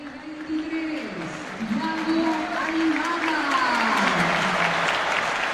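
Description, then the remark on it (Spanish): A large stadium crowd applauds footballer Thiago Almada's entrance on his return to Argentine football, a dense wash of clapping that swells and holds loud throughout, with a sustained voice or chant line rising and falling beneath it. “Buena recepción del público. El más aplaudido de todos, te diría.”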